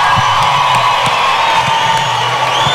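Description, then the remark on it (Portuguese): A large audience, asked by a speaker to applaud the people being honored, applauds and cheers loudly, a dense steady wash of clapping with whoops and shouts rising above it, sustained without a break. “E em segundo lugar, por favor, o aplauso de vocês para esses caras que estão escrevendo essa história linda.”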